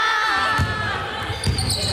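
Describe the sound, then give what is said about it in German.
Sneakers squeak sharply and repeatedly on a hard court during a U14 girls' basketball training session. The squeaks are high, wavering chirps, while a basketball thuds against the floor a couple of times underneath, with faint voices in the background. “Basketball ohne Quietschen geht gar nicht, ne?”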